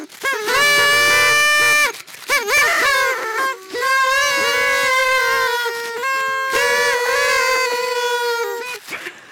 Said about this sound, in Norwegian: Yes, vi har sånne tutere.